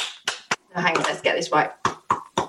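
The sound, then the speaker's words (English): Sharp, loud hand claps imitating the sound of sex land in an uneven rhythm, a pair at the start and three more toward the end, with a stretch of chattering voices in between. “Oh, that's a lovely bit of clapping action there.”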